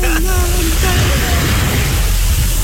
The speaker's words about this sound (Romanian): se audă valurile.